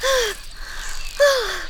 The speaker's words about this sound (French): La libellule s'arrête sur une feuille. Elle est sous le choc et essoufflée.